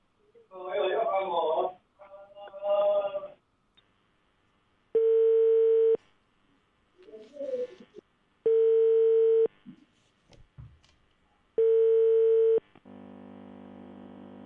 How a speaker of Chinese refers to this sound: 接下来我们继续拨打一下他们的信访联系电话。中建二局信访联系电话试试看。